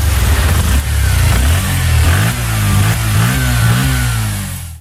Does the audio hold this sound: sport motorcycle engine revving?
yes